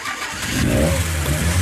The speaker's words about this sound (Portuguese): o motor como é que ficou, velho? Escutou aí? Bom demais, filho. Redondinho agora. Liga aí, vamos ver como é que tá esse negócio.